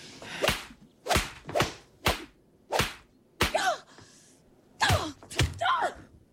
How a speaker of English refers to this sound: I didn't mean to. You don't go and slap somebody and then apologize. Get some backbone.